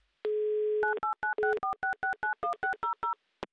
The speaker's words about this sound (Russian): я прямо сейчас набираю ваш номер телефона.